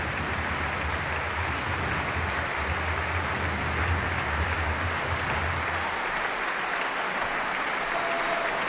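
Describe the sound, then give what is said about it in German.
A concert audience at the Stadtcasino Basel, many standing, applauds the Sinfonieorchester Basel and its chief conductor Markus Poschner: a dense, sustained wash of clapping hands that holds at an even level throughout with no voices standing out. “Ja, unglaublich, wie hier geklatscht wird für das Sinfonieorchester Basel und seinen Chefdirigenten Markus Poschner.”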